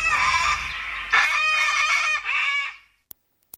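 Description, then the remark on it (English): A cockatoo squawks loudly and harshly in a few long, drawn-out calls lasting nearly three seconds, in a Yass FM radio sweeper, followed by silence and a couple of faint clicks. “It's called a cockatoo sweeper. It's got a cockatoo squawking in the background.”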